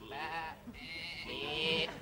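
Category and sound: animal, sheep bleating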